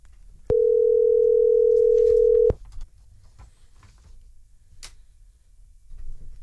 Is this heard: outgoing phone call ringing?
yes